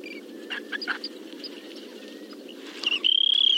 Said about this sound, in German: Unser Vogel der Woche, der Wüstenverkünder, Wüstenregenpfeifer.